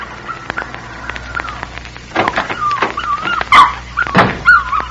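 A puppy whimpers in thin, wavering whines that repeat throughout, broken by a couple of sharper, louder yelps near the end, as a little girl kneels over it pulling small tufts of hair from its body. No one speaks.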